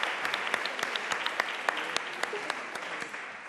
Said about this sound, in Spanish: No pasa nada, un aplauso, venga, para animarle a subir.